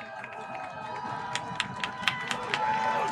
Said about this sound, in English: Leopards fans making some noise.